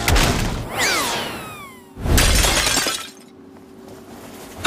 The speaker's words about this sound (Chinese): 白天就是你弄碎了我的古董，现在还敢来？